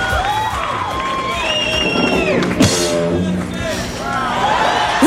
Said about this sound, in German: Ja, da kann man schon mal klatschen. So klang das damals beim kürzesten Konzert der Welt